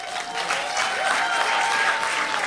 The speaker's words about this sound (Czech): Dnes mezi námi přivítáme dámu, která je moderátorka, scénáristka a dokonce, a za to si zaslouží velký potlesk, si zahrála epizodní roli v seriálu Horákovi.